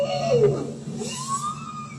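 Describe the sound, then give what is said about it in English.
A bowhead whale calls underwater in the Arctic, recorded by scientists with hydrophones deployed from a research vessel: a sliding moan that drops in pitch, then a second tone rises and holds, heard alone over a steady low underwater rumble. “That's a bowhead whale.”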